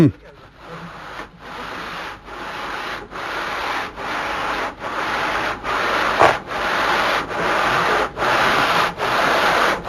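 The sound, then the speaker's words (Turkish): Steady, gritty scraping of sand being rubbed around inside a copper pot to scour off the old tin lining, dirt and rust before re-tinning. Long rhythmic strokes come roughly every second, fairly loud, continuing throughout. “Tabii eski kalayı da silmiş oluyor şimdi. İçindeki kiri pası da silmiş oluyor.”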